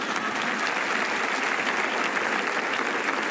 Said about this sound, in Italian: Potete applaudirvi.